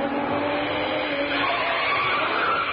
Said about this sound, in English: Just for that, I shall do an impersonation of a car approaching.